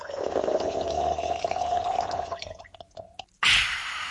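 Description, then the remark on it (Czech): A non-alcoholic mixed drink being stirred, with a steady liquid swirl that trails off into a few light clinks, a brief pause, then a sudden louder fizzing splash. “Nienče raz miešaš a náš Litchi Breeze jo gotovi.”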